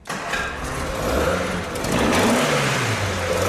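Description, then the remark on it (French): A restored GT car engine, never run since its restoration, catches and roars to life, then revs up with a loud, throaty, rising growl that holds steady, with no one speaking. “Ils n'ont toujours pas fait tourner le moteur.”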